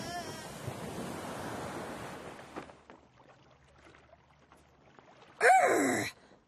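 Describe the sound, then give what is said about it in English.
A broad rushing wash of rough ocean surf fills the first few seconds and fades out. After a quiet stretch, a short, loud splash of water bursts in near the end. “Don't despair! Roll with the waves, me hearties!”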